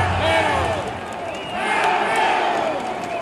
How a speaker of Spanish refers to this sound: Un grito de zaraperos en la tribuna.